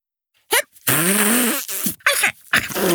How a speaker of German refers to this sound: Hör auf, Trompete zu spielen. Das macht viel zu viel Tröte. Ich hab mir doch nur die Nase geputzt.